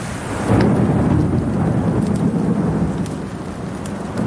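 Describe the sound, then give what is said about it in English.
A monsoon thunderstorm: thunder rumbles low and heavy over a steady wash of pouring rain, with scattered brighter drops and splashes cutting through the dense, continuous downpour. “When it happens, you know why it is they call it the monsoon.”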